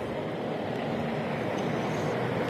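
A firefighting helicopter drones overhead at a wildfire, a steady, dense rumble of engine and rotor noise that holds at an even loudness throughout, with no voices.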